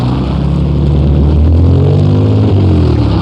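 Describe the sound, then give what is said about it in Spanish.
A car engine rumbles loudly on a street, its low droning hum shifting pitch slightly as it moves past, with no voices heard. “Cuidado, se lo lleva un carro, hombre.”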